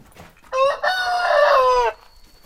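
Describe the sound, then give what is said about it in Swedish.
A rooster crows once among hens, loud, lasting over a second, starting with a short note and then a long drawn-out, strained call, with only quiet background before and after. “Ja, det är ju ett av hans stora arbetsuppgifter att skapa mera höns.”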